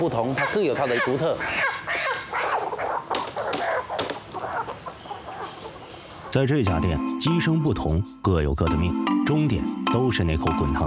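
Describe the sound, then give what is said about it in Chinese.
Live hens cluck and squawk in a dense, busy chorus, with people talking over them; partway through the scene shifts to steadier, more tonal sounds. The hens are old hens of about 6.5 jin live weight, 1.5 to 2 years old, kept for fresh slaughter at a chicken restaurant in Shantou, China. “全部都是老母鸡，这样的这种的话，活鸡大概有6斤半左右，它大概就是1年半到2年左右。”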